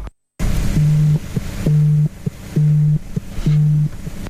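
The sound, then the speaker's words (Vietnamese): A phone rings in four evenly spaced, steady low electronic tones, each lasting under half a second, over a constant background hiss of falling rain, as soldiers on a border patrol are caught in the rain. No one speaks. “Đúng lúc đó, Dũng có điện thoại.”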